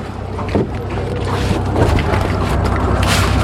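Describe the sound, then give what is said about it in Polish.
A small boat's motor hums steadily, with water sloshing and wind buffeting the microphone as the boat sets off with people aboard; no one speaks. “Wchodzimy na łódkę i będziemy ruszać.”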